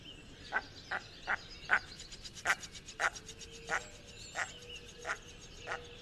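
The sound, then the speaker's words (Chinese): A male bird gives its breeding-season call, a steady series of about a dozen short, squeaky 'wiga' calls, evenly spaced, with faint outdoor background and no talking. “那繁殖季的时候呢，雄鸟会发出比较奇怪的这个 “wiga” 的这样的叫声 哦, 的声音哦。”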